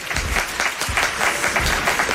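A burst of audience applause welcoming the show's assistant scriptwriter onto the stage: dense, steady clapping from many hands at a fairly loud, even level throughout, with no voices over it.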